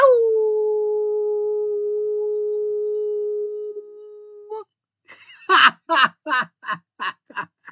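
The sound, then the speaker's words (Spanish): A person imitates a wolf, holding one long, loud, steady howl for several seconds. A quick run of short, rhythmic yelping bursts follows after a brief pause. “Otro vigoroso aullido.”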